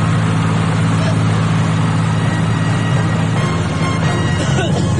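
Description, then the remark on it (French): A boat engine drones loudly and steadily for the whole stretch as the boat approaches a port, a deep low hum over a broad wash of rumbling noise, with faint muffled voices mixed in. “Vous entendez le bateau.”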